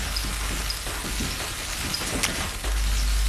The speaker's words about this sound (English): Next, she fries some capers until they turn crisp. I'm frying the capers so they open up like little flour and becomes crunchy.